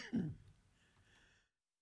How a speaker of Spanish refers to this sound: Válgame, me agarró la tosecita.